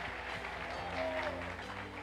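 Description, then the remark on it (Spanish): A church audience applauds loudly and steadily for those who want to leave confusion, a dense wash of many hands clapping at once for about two seconds, with a low sustained tone running underneath. “Dele fuerte aplauso a los que quieren salir.”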